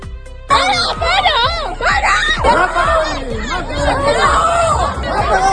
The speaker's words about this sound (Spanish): Se escuchan gritos de parad o también de mátalo ahí.